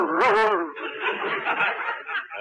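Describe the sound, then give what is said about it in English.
A man vocally imitates a dog, opening with a short, strained yelp, then moving into a stretch of breathy, rasping panting sounds, fairly loud. “do you realize you're even getting to sound like a dog?”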